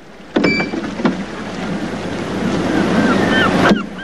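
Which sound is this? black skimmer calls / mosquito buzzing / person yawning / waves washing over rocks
waves washing over rocks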